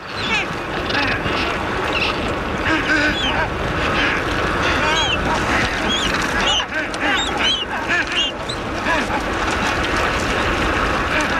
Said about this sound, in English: What is that that we're listening to? What type of animal is that? I'll give you a second. That is the sound of the Adélie penguin. Adélie penguins are the most widespread species of penguins in the Antarctic, also the smallest.